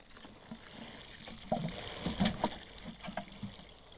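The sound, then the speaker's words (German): Water splashes and trickles steadily from a watering can onto the soil and leaves of a freshly fertilized blueberry plant in a garden, a continuous wet pouring sound with small irregular bursts of splatter, fairly quiet overall. “Gleich gießen? Ja, gieß du mal. Ganz viel Wasser drauf, hopp.”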